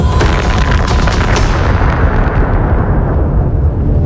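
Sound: atomic bomb explosion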